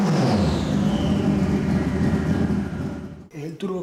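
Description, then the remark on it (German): A loud motorcycle engine fitted in a 400 kg race car, producing 400 hp with a large turbo, roars with a steady, rich drone and slight shifts in pitch for about three seconds, then cuts off abruptly as a voice begins speaking. “einen Motorradmotor verbaut, wegen des geringeren Gewichts.”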